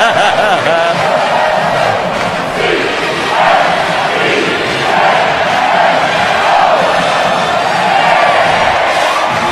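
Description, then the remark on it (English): A large stadium crowd boos loudly and continuously as the Georgia Southern team comes onto the field for a game against Clemson: a dense roar of many low, drawn-out voices with shouts mixed in, swelling slightly in waves throughout. “And here comes Georgia Southern on the field, greeted by friendly boos.”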